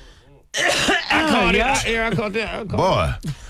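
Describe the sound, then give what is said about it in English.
A person coughs and chokes over a hot topic on the radio show Didi in the Morning, a loud, strained burst of sputtering, throaty hacks with voiced gasps running for about three seconds after a brief quiet start. “That topic made you cough like that?”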